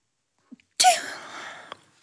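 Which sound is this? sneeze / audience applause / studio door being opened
sneeze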